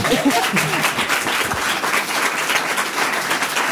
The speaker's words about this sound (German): Ein Applaus